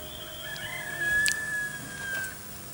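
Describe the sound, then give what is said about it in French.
A single rooster crow rings out faintly, one drawn-out call lasting over a second against a quiet background with no one speaking. “Et une petite aurore. Et le coq.”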